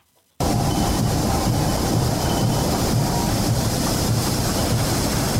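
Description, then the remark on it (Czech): After a moment of silence, a steel rolling mill at Třinec Ironworks starts up with a loud, steady industrial roar, a dense rumbling and hissing clatter that continues unbroken, with no voices. “I hutní provoz, stejně jako hudba, má svůj pravidelný rytmus.”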